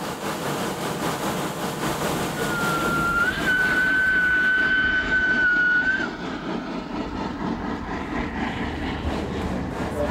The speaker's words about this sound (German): 20% Steigung, also in der Bahner Sprache erstaunliche 200 Promille, schafft die kleine Lok. Langsam lässt der Zug die Baumgrenze hinter sich. Der letzte Teil der Strecke ist auch der spektakulärste. Noch einmal muss die Lok ihre volle Leistung geben.